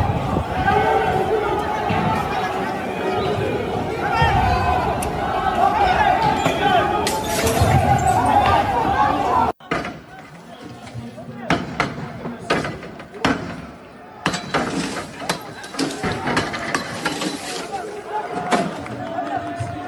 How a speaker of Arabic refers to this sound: صراحة الأغرب تكسير المحطة بكل هذا الإصرار.